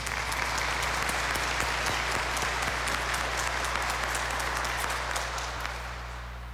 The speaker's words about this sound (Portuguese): Então, enquanto isso, nós saudamos este novo grupo, essa nova equipe, com uma salva de palmas.